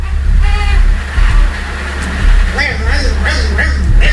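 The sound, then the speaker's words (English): A baby cries in muffled, wavering bursts while sucking on a pacifier, the sputtering whimpers rising and falling over a steady low rumble. “trying to cry and suck on the pacifier at the same time.”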